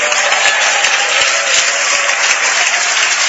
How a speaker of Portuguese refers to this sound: eu gostaria que todos aplaudissem ao Senhor Jesus com alegria. Isso, diga glória a Deus.